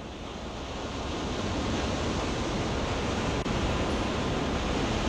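Steady, full-bodied roar of ocean surf washing onto a shore, building slightly in the first second then holding a constant hiss-like wash, fairly loud with no voices.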